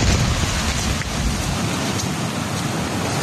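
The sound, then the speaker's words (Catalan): A steady, loud roar of heavy rain and hail pours down without a break, dense, with a rumbling low end from strong wind gusts, in Olot in the Garrotxa. “Això és Olot, rius d'aigua, de pedra, fortes ratxes de vent.”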